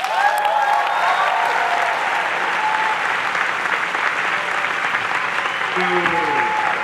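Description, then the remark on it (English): A crowd claps loudly and steadily for about seven seconds to welcome guest speaker Ronnie Chang, with scattered cheers and whistles early on and a voice briefly rising over the applause near the end. “Please give a very warm welcome to our guest speaker, Ronnie Chang.”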